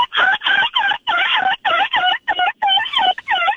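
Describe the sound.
A person loudly imitates a seagull over the phone, letting out a rapid run of about ten strained, squawking cries in quick, choppy bursts, with no other talking.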